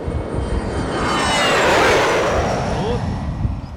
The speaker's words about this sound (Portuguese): Olha, eu ouvi aí o avião do Roberto Carlos, você viu? Foi. Chegou.